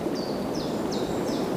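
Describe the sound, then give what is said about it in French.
A steady, full rush of wind through pines fills the whole recording, in the pine forest and dunes of Bombane along the ocean front, with four brief high chirping bird calls repeating at even intervals above it. “La clameur versatile du vent.”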